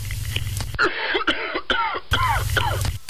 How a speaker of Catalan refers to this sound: Espera un moment, que m'agafa tos. M'agafa tos.